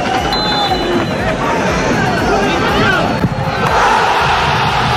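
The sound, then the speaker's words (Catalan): A stadium crowd at the new Creu Alta in Sabadell erupts in sustained, euphoric cheering and shouting after Urri's 89th-minute penalty goal for a 3-2 win over Córdoba, a dense roar of many voices that stays loud and steady throughout. “Tres a dos, ahir contra el Córdoba, amb un gol de penal d'Urri al minut 89 i que va fer esclatar, com escolteu, d'eufòria la nova Creu Alta.”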